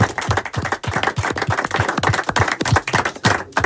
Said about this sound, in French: Bah, applaudissez-vous encore une fois, bravo à vous, vraiment.